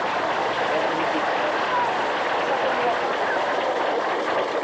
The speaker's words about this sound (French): On va déjà applaudir un peu. Après, vous applaudissez.